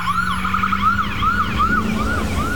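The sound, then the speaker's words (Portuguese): An ambulance siren wails in rapid, repeating rising-and-falling sweeps, loud and steady, over a low engine rumble with no one speaking. “Em Mato Grosso, quem está na ambulância não pode perder tempo enfrentando estrada esfarelando e cheia de buracos.”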